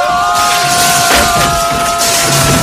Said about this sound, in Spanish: Rey choca una pared de vidrio que tiene la imagen de KFC.